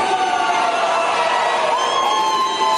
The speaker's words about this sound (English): And they're all jeering and they're ignorant. Listen to them. They're mental. Every day is Scream at the Sky Day. Yeah, and there are a bunch of mental cases at the State House in Nashville, and they've got signs with GOP equals KKK.